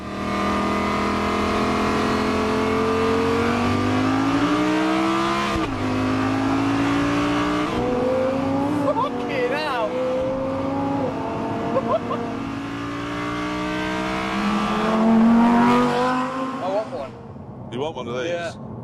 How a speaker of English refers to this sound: Lambos are the best. If you're going to have a really, really idiotic car, you have to have a Lamborghini, because they're the most idiotic cars. You have to love it.